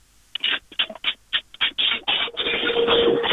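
A washing machine running: a quick series of rhythmic mechanical thumps and swishes gives way to a steady, loud whirring drone with a low hum, with no talking.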